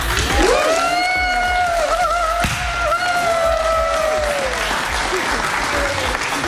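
Steady, loud applause from an audience at the presentation of the Bert van Leeuwen Prize fills the whole stretch, a dense wash of clapping with high, drawn-out cheering tones gliding above it.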